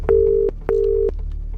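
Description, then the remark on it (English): A phone line tone sounds as a number is dialed for a call to New Zealand: two steady, evenly pitched electronic beeps, each under half a second, clear with a short gap between them and no talking. “Dial that number.”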